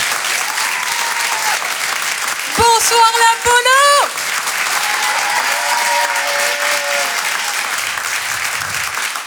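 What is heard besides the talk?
audience applause and cheering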